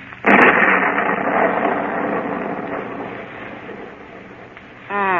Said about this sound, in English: Storm is coming up stronger now.